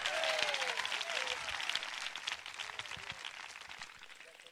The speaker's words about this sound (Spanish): Vamos a dar un fuerte, pero fuerte gloria a Dios y un aplauso al Señor. ¡Para el Señor ese aplauso fuerte!